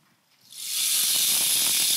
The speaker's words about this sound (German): Kennen vielleicht manche den Regenmacher? Können selber einmal dran drehen.